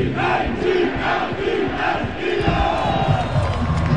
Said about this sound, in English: The team thwarted Washington's late game attempt at a 2-point conversion, and the crowd rejoiced.